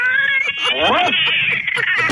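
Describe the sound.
A person imitates a cat in heat meowing, with one long, wavering, nasal yowl that bends up in pitch and then drags out, loud and continuous with no other talk.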